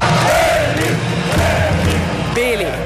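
A dense, loud crowd roars and chants continuously in the Red Hall in Velenje, Slovenia, at the Šalek–Carinthia handball derby won 30-27 by Slovenj Gradec over home side Gorenje, with rising shouts and whoops swelling near the end over a steady wash of voices.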